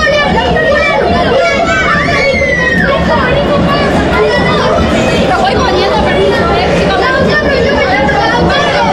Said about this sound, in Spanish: Eso que están escuchando de fondo son los chicos, los pequeñitos que van a acompañar a los jugadores de la selección de Argentina hacia el terreno de juego.